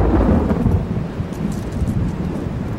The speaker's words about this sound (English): While he was still a few miles from home, a thunderstorm broke on the horizon.